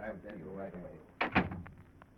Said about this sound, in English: Then the door opens and you get a shock.